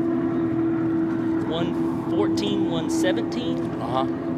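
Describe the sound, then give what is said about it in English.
The engine of the DWR racing canopy boat, run by Mitch Kramer with its cowlings off, drones loudly and steadily throughout, a sustained low hum over broad rushing noise, with people talking over it. “The big race boats, canopy boat. This is their personal canopy boats.”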